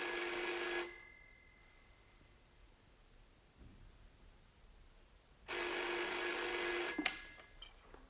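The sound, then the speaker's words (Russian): An old-style telephone bell rings loudly in two bursts, about a second at first and then a longer ring after a pause, followed by a clatter as if the receiver is picked up, as a secretary answers calls in a busy office reception. “Девушка-секретарша, взвинченная царящим вокруг бедламом, нервно отвечает на телефонные звонки.”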